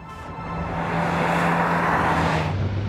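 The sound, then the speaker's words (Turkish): A twin-engine car runs while being driven, shifting gear, with a broad roaring hum and a low tonal drone, growing louder after the start and holding strong for about three seconds without any voices. “Motor sesi güzel.”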